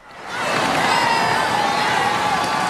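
A large crowd of about 800,000 faithful and spectators on the Champs-Élysées in Paris cheers and shouts euphorically as Pope Leo XIV rides by in the popemobile, a dense, continuous roar that swells quickly at the start and then holds steady and loud, with individual voices blending into the mass.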